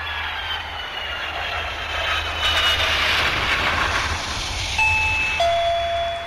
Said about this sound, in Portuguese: Campainha tocou, você já sabe, agora é hora das notícias de Brasília.